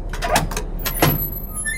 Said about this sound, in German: Boah, quietscht die. Ja, die muss quietschen, damit ich höre, dass ich noch eine Tür habe, ne?